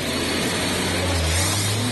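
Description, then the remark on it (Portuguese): A Chevette car's engine roars loudly and steadily throughout as it is started and accelerated, its low drone climbing slightly in pitch partway through as it revs up, with broad rushing noise layered over it and no voices. “Acelera, JM.”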